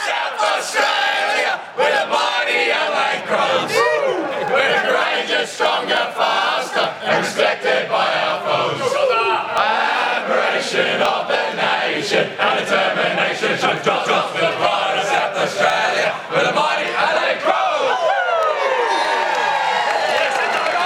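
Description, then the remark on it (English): A large crowd sings the Adelaide Crows club song together, many voices blending into a loud, sustained chant with rising and falling melodic lines over a constant roar of cheering and shouts. “but we will get down there in a moment for the Adelaide song.”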